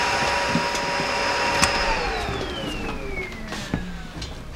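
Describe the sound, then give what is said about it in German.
A vacuum cleaner drones loudly with a steady high whine, then shuts off partway through, its motor pitch sliding downward as it winds down. “Staubsaugen kannst du später.”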